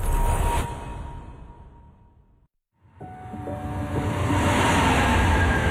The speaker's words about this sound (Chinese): 地铁穿梭，城市喧嚣，人潮匆匆，擦肩而过。